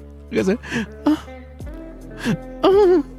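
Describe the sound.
A voice imitates someone sobbing: a series of short, shaky, breathy whimpers and catching gasps, ending in a longer wavering wail, fairly loud.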